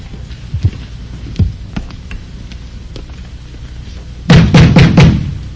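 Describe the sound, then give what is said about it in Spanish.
Heavy pounding on a door: a few scattered thuds early on, then a loud, rapid burst of four or five forceful, booming blows near the end. “¡Abre la puerta, negro maricón!”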